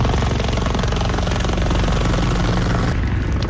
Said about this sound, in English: A helicopter drops thousands of liters of water over flames in eastern Spain.